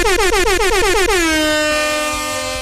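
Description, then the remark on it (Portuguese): A loud air horn played on Nativa radio fires a rapid stutter of short toots, then settles into one long, steady blast that slowly fades. No voices accompany it. “Anotem, anote depois a buzina.”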